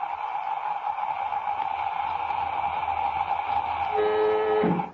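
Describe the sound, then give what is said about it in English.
A spacecraft airlock filling with air after its door is closed: a steady, even rushing hiss that holds throughout. Near the end, a louder whining chord of tones joins it before the sound cuts off abruptly. “You can fill up the airlock now, Jet, and we get upstairs.”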